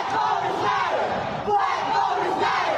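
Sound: protesters chanting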